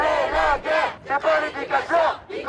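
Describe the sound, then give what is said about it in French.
A crowd of young protesters aged 14 to 25 chants in unison at a demonstration for public services, loud rhythmic bursts of many voices rising and falling about every half second, with no single speaker standing out. “Les jeunes se sont alliés à la manifestation pour les services publics.”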